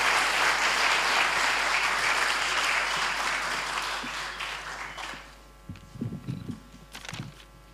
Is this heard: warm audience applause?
yes